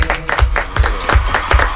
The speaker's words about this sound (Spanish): Bueno, quien no ha querido perderse el estreno de esta nueva temporada de Radioficción es Sergio del Molino. Por favor, un fuerte aplauso para Sergio.